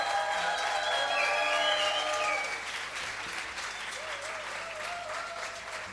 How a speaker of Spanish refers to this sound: por favor, el aplauso.